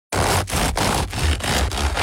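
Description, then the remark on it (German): Crusty bread from Döll bakery on Theaterstraße in Würzburg crackling and crunching loudly, a dense, dry, noisy crackle broken into about five rhythmic bursts by brief pauses, like a loaf being squeezed or broken. No voices. “So klingt das perfekte Brot. Außen knusprig.”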